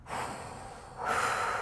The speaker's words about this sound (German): Mal kurz einmal atmen, ja